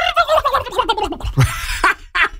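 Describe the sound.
A person imitates a turkey's gobble with a rapid, warbling burst of throaty vocal trills, followed by a couple of short breathy syllables, fairly loud.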